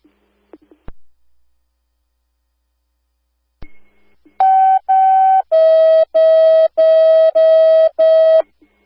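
Fire dispatch alert tones: after a few faint clicks, loud electronic tone bursts sound, two short higher pulses followed by five evenly spaced, slightly lower beeps in a steady rhythm.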